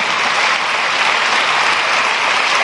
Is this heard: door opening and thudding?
no